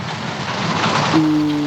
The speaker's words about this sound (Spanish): Se escucha la lluvia más fuerte que la radio. Hoy sí. Está fuerte la cosa.